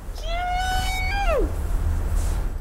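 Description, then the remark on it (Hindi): A man imitates a langur monkey call to drive away monkeys at the Parliament complex, with a single loud, sustained tonal cry that holds steady, then drops in a quick downward slide. A low rumble of background noise continues after it. “sir, मैं लंगूर की आवाज निकालता हूँ बंदर भगाने के लिए”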